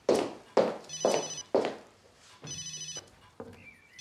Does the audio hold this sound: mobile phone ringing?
yes